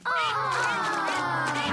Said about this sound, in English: Why have we stopped? It is Mrs. Duck and her ducklings.